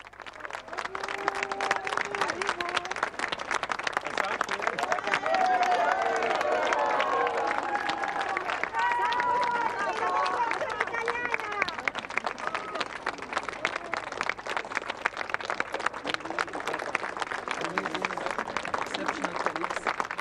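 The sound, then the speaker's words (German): A crowd of young people who took part in a UNESCO youth forum greets Pope Leo, clapping steadily and cheering for about twenty seconds, a dense continuous wash of applause with excited shouts and voices rising and falling throughout. “Es warten viele junge Menschen, die heute Vormittag an dem UNESCO-Jugendforum teilgenommen haben, auf den Papst und begrüßen ihn mit Applaus und Jubel.”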